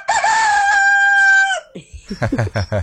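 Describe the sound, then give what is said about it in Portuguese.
A person imitates a rooster's crow with one long, loud, sustained call, followed by a few seconds of someone talking. “tá imitando o senhor, imitando o galo.”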